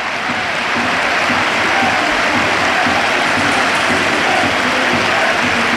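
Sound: stadium crowd ovation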